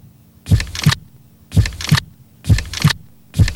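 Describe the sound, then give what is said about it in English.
A human heartbeat thumps slowly and evenly, about four double lub-dub beats roughly a second apart, fairly loud with nothing else in between. “sit back, relax, and take a moment to listen to your heartbeat. It's beating steadily, slowly, one beat after another.”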